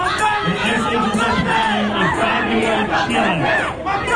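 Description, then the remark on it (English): A large crowd chants and shouts together in a street crowded with families and children just after school let out, chanting that Mom Donnie was complicit, many voices rising and falling in loud, overlapping cries that stay steady and dense throughout. “They're chanting, Mom Donnie was complicit.”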